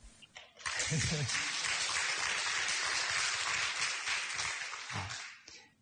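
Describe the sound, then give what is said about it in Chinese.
An audience breaks into steady, dense applause that holds for about five seconds before tapering off, with a voice faintly audible at the start and again as the clapping fades. “鼓掌之外要责任承担你们做得好要出来弘扬”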